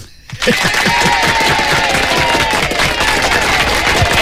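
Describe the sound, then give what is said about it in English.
A studio audience on a morning show breaks into loud, dense applause after a brief quiet moment, the clapping holding steady and full for several seconds without letting up. “This is absolutely inspired, and it does deserve a round of applause from our studio audience this morning.”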